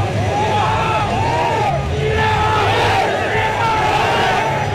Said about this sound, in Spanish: Es el grito a la arenga final de la selección de Marruecos, que parte de esta definición.